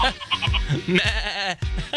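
Several goats bleat loudly and close by, their wavering, nasal cries overlapping one after another in a busy, continuous chorus with barely a pause.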